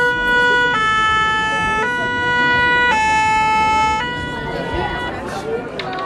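A fire truck siren blares its two-tone wail at Pen Mirabeau, where firefighters were called out in the evening, alternating high and low notes about once a second, loud over a rumble of street noise before easing off slightly at the end.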